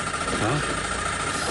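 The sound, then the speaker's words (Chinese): A car engine rumbles steadily under broad road noise while driving uphill on a mountain road in the rain, then sputters as it stalls over a brief moment; a faint voice-like murmur surfaces near the middle. “哦吼，熄火”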